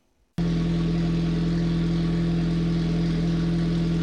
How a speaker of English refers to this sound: For the Warner family in Pierce, the roar of an engine isn't just background noise. It's their heartbeat.